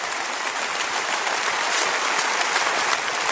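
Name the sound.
audience applause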